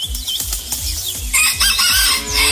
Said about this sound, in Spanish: No, pero va a tocar conseguir un gallo más, como más grande. Este gallito está, pero es de esos gallos chiquiticos y todo eso.